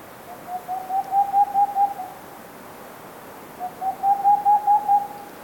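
An owl hoots in two bursts of quick, evenly spaced notes, roughly eight per series, on a steady mid-low pitch that swells louder, with a pause of a couple of seconds between bursts.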